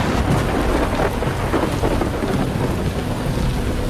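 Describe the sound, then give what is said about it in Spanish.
A steady, loud thunderstorm: heavy rain pours continuously while deep rumbling thunder rolls underneath throughout, with no voices present. “También sabías que había un dios de la lluvia y también dios del trueno.”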